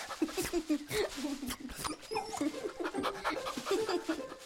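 A dog guiding a small child who walks with a cane and searches the bushes for an Easter egg pants rapidly and steadily, quick breathy huffs in an even rhythm, with a few soft whining squeaks mixed in.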